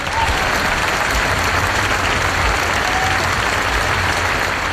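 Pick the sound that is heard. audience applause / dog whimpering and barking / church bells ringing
audience applause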